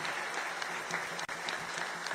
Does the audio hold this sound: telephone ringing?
no